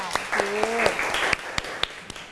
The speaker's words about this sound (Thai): โอเคค่ะขอเสียงปรบมือให้อีกหนึ่งครั้งค่ะ